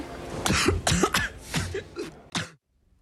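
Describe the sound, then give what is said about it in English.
A harsh coughing fit: five or six rough coughs in quick succession, the last one sharper, then sudden silence; from a scene in the film Spider-Man: Brand New Day, directed by Destin Daniel Cretton. “That cough, that's a scene from Spider-Man Brand New Day, directed by my guest today, Destin Daniel Cretton.”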